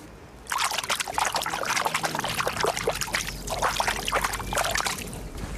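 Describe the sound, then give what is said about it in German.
Steady trickling water at the shore of the Krähenteich pond in Lübeck, with dense, splashing bursts that rise and fall irregularly, starting abruptly after a brief quiet moment and continuing at a fairly loud level throughout, with no voices. “So klingt der Krähenteich und ich weiß auch, was er gerade gesagt hat.”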